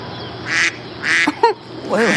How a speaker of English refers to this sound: Wait a minute. Do you hear that? Yeah, I know what you're thinking, but it's not me. There's a duck somewhere on the Moses display. It's not programmed in the sequence.